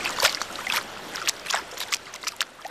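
Someone wades into swimming pool water to get used to it before a first jump, producing a series of irregular splashes and sloshes that rise and fall in quick bursts, with no talking.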